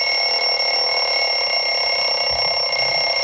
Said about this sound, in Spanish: El despertador viejo.